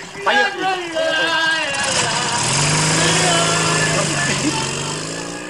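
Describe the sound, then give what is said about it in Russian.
A motorcycle with a sidecar starts up and settles into a steady, droning idle while people talk over it in the first few seconds, as a drunk man is loaded into it. “Загружает пьяного в мотоцикл с коляской.”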